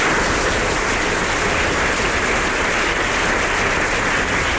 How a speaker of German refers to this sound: Ich glaube, ich spreche mir wirklich für alle Teamleiter, wenn ich sage, ich hätte die Saison ohne meine Teammitglieder nicht so erfolgreich bewältigen können. Deswegen finde ich, haben sie einen kräftigen Applaus verdient.